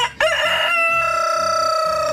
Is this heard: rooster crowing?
yes